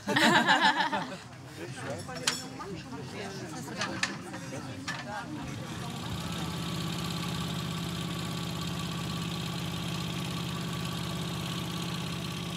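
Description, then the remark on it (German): Some clunks and rattling knocks at first, then a boat engine settles into a steady, loud, low droning hum that runs unbroken to the end, as the boat heads out for a second shift. “Das Boot ist noch dasselbe, aber die Ausrüstung hat er.”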